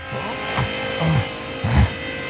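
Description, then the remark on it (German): A simple third-grade spruce panel being sawn to size by hand on a workbench, a steady rasping buzz with a few louder strokes pushing through at an uneven rhythm, with no voices over it. “Die säge ich jetzt mal eben zurecht.”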